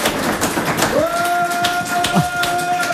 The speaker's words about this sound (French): Bravo, on l'applaudit.